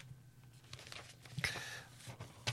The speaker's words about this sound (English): Sorry, piece of paper got tangled up there.